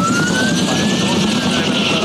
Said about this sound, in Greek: γιατί πέρασε πολύ χαμηλά το ελικόπτερο για να κάνει την ρήψη. Ακούμε και τα πυροσβεστικά από κάτω.